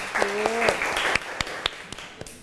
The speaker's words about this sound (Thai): โอเคค่ะขอเสียงปรบมือให้อีกหนึ่งครั้งค่ะ